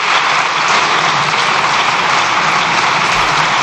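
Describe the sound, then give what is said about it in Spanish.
Sustained applause from a large crowd of deputies in Spain's parliament during a government control session, a dense, steady wash of clapping that holds at an even, loud level throughout with no voices breaking through. “Extienden los diputados en el aplauso.”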